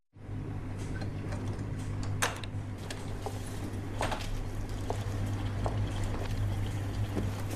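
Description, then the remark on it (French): A dishwasher started at 10 in the morning runs with a steady low motor hum beneath a continuous wash of sloshing, splashing water, punctuated by occasional small clicks and knocks. No voices are heard. “T'as lancé un lave-vaisselle à 10h du matin?”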